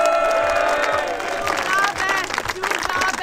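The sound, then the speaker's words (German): A crowd cheers and claps loudly and continuously after a woman wins 2,500 euros, with whoops and shouted voices rising above the roar, one voice calling out "Zugabe" (encore) in German. “Der ruft jemand Zugabe.”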